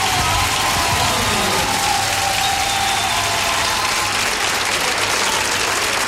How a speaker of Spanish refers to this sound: Fuerte aplauso para Bayano, gracias.